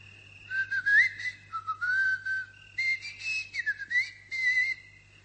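A drawn-out human whistle, rising and falling in pitch across several long phrases with brief pauses between them, clear and fairly loud over a faint steady low hum.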